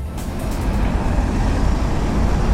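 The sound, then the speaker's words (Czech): Cars roll slowly over the Hlávka Bridge in Prague, heading from the city centre to Holešovice in one lane because of road repairs, steady traffic with a continuous low engine rumble and faint tire hiss, even in loudness throughout, with no voices. “Po Hlávkově mostě pomalu projíždí auta z centra do Holešovic.”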